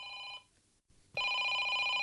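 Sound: telephone ringing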